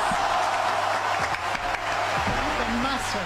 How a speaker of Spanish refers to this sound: y este aplauso fuerte para ellas.